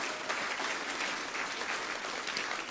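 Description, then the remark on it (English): A crowd applauds the speaker's wife steadily, many hands clapping in a dense, even wash of sound that holds at a constant level for a few seconds with no voices over it. “If you can just give her a nice round of applause.”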